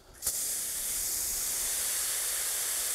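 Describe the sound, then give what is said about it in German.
Water sprays steadily from a hose onto soil, soaking the ground thoroughly where a tree is still to be planted, a bright, even hiss that starts abruptly after a short quiet moment and continues without a break. No one speaks. “Aber einmal richtig angießen, obwohl noch kein Baum da ist, muss sein.”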